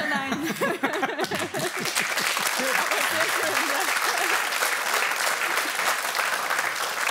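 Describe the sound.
A live audience breaks into loud, sustained applause that fills the whole stretch, with a voice speaking briefly at the start before the clapping takes over.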